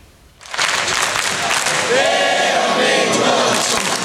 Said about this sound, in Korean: 관중석에 모인 천여 명이 태극전사들에게 열띤 응원을 보냅니다. 선수들의 몸놀림 하나하나 숨죽여 지켜보고 슈팅이 막히거나 골문을 벗어날 때면 여기저기서 탄식이 나옵니다.